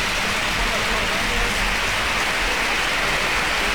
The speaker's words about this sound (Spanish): Los campos de Sport del Sardinero que se han volcado con Aitor Mañas. Ahora se vaya en camilla el terreno de juego y ahora, mira, así suena el Sardinero, que lo aplaude todo el mundo.